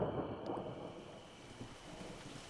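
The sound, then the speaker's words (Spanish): A steady, even hiss of rain falling, a soft continuous wash of noise with a faint low rumble underneath and no voices. “¡Lluvia! ¡Está lloviendo!”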